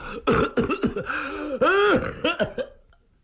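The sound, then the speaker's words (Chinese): A voice imitates the coughing fit of a street martial-arts performer: a rapid series of harsh coughs and throat-clearing bursts, some strained and drawn out into wheezy, voiced gasps, loud, ending abruptly. “他咳嗽了半天，还喘半天，这虚汗就出来了。”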